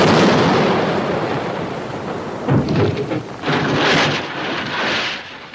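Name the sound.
cannon fire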